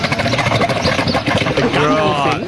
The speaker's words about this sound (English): I actually, once you know it's a camel, if you've heard them be quite guttural, then you'd be like, oh, yeah, sort of.